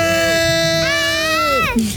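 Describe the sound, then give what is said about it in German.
A loud, sustained high-pitched scream of joy from people rings out for about two seconds, holding steady before sliding downward in pitch at the end. “Ich will euch jetzt schreien hören.”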